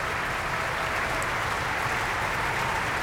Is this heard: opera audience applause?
yes